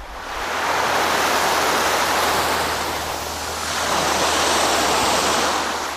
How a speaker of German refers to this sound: Die Wellen rauschen, die Möwen kreischen, ein paar Kinder spielen Frisbee.